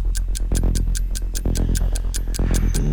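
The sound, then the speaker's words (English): A quiz-show clock ticks rapidly and steadily, sharp evenly spaced clicks about five per second, layered over a sustained, tense musical bed with no voices. “Stop the clock.”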